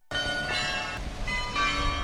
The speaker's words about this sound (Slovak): To, čo počujeme, je zvonkohra, ktorá už patrí ku koloritu Košíc. Už asi 10 rokov každú hodinu počujeme nejakú inú melódiu. Vyberá si jednu zo 100 melódií a obveseluje vlastne hlavnú ulicu.